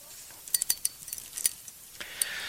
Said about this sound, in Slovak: Kto sa teší, keď štrngám kľúčami? Asi nikto. Nerozumiete, prečo by som štrngal.